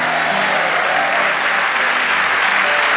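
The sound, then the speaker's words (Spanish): A crowd applauds steadily for about three seconds, a dense, even wash of clapping hands that stays loud throughout with no voices standing out. “Vamos, dale ese aplauso a nuestro.”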